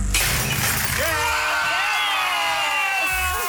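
A glass bottle smashes in a christening with one sharp, loud crash, then bright tinkling and ringing of shards carries on for several seconds while a few voices whoop and cheer underneath.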